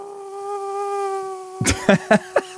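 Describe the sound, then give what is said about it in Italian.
A man imitates a mosquito live with a steady, thin, nasal buzz held for over a second. Several short, loud bursts then break in while the buzz continues faintly. “però nelle serate per bambini fa anche la zanzara. Vi facciamo sentire questa imitazione in diretta”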